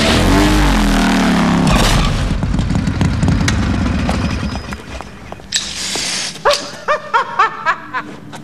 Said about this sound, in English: The dentist crashes into a wall on his motorcycle.